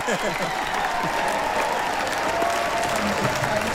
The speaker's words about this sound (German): Jetzt gerade riesen Jubel gerade noch, ja.